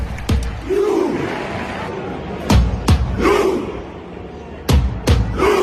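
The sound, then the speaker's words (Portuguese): Norwegian national team football fans roar in unison, a loud crowd chant punctuated by heavy, sharp claps or thuds that come in widely spaced pairs, with swelling shouts between the beats. “Empurrados pelos rugidos dos adeptos que usam as raízes do país como incentivo, a Noruega é uma das equipas mais interessantes.”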